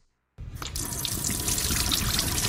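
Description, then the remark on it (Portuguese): After a brief silence, a faucet turns on and water pours steadily into a sink, a full, constant rushing splash that continues without a break to the end. “Dê adeus ao banho frio e à água gelada na pia.”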